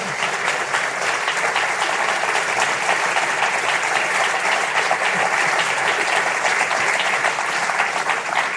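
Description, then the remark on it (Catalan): An audience at a band's live performance claps steadily for several seconds after the last song, a dense, even wash of many hands with no pauses, holding at a constant loud level throughout. “Un aplaudiment, sí, sí.”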